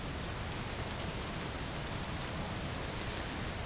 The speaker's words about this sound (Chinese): 今儿外面不是下雨了吗？雷声又大，我害怕。